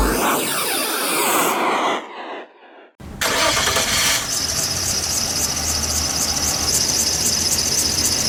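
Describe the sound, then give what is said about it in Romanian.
The engine of a broken-down car cranks with a whining starter, drops out briefly, then roars into harsh sputtering noise, loud, as it struggles and fails to start. No voices. “Of, te-a găsat mașina din nou.”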